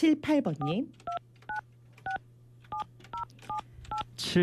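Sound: telephone dialing tones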